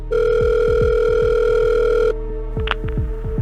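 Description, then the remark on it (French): A telephone rings on a call to the fire brigade of Neu-les-Oxy, near Abbé, on Valentine's Day morning 2018: a steady, loud electronic tone holds for about two seconds, then cuts off, followed by a couple of brief higher beeps over a low, rhythmic pulsing underneath. “Le matin de la Saint-Valentin 2018, les parents de Jennifer Deforge appellent les pompiers de Neu-les-Oxy, près d'Abbé.”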